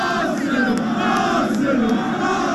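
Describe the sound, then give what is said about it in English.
A large crowd of Arsenal football fans in red jerseys cheers in North London, celebrating the club's first Premier League title in 22 years: a loud, unbroken roar of many voices with shouts and chanting rising over it and a few brief sharp bursts. “And North London erupted in a sea of red jerseys.”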